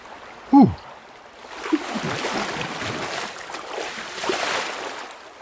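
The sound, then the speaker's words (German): Shallow, low residual-flow water of the Kamp river in the Waldviertel flows and babbles steadily at moderate volume, a continuous rushing wash with small splashy fluctuations, preceded by a brief high squeaky chirp at the start. “Leider wenig Wasser hier, weil es ein Restwasser ist, aber dafür ist schön kalt.”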